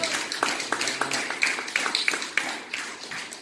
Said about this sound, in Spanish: ¿Usted lo cree? Denle un aplauso de gloria al Señor.